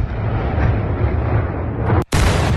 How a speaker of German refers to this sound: In dieser Zeit versank die ganze Stadt in völliger Dunkelheit, die nur von den Lichtblitzen der Explosionen der russischen Angriffe durchbrochen wurde.